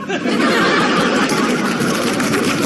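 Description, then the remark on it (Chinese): An audience applauds a pun about tea names, steadily for a few seconds, a dense, even wash of clapping hands that holds at a loud level throughout with no voices rising above it. “啊，鼓掌的都明白呀，珍珠粉银白色的，”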